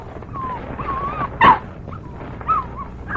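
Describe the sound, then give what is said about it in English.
A dog, Pancho, whimpers and whines eagerly in high, thin tones while waiting for meat to be unwrapped, with a short sharp yelp in the middle and another near the end, fairly clear, no talking. “You're not gonna grow into a dog.”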